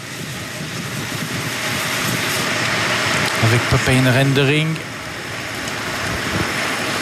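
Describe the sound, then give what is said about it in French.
Cars rush past during a race in the Dombe region of the Ain, France, in a steady, noisy roar, with a louder whining engine tone swelling briefly in the middle. A man speaks over the traffic. “Les voitures qui passent, c'est pas bon signe.”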